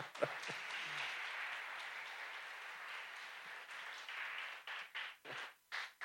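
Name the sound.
audience applauding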